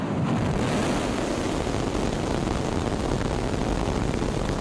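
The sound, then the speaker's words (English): A massive, continuous roar of the engines of a SpaceX Starship rocket lifting off from its new launch pad in Texas fills the whole clip, a dense rumbling wall of noise with heavy low-end thunder and crackle, loud and unbroken, with no voices. “SpaceX employees cheered as the rocket blasted off from its new launch pad in Texas.”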